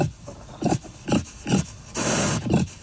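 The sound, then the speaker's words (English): A feral pig on Santa Cruz Island grunts: a run of short, rough, breathy grunts in an uneven rhythm, with one longer raspy snort in the middle and no talking. “Enter the next suspect in the fox's demise, the feral pig.”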